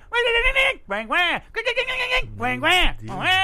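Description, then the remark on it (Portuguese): A person whistles and warbles an imitation of a bird's song: several bright, rising and falling chirpy phrases with bending pitch, fairly loud, with short pauses between bursts. “Eu sei qual é o som desse passarinho. Ele faz assim, sabe.”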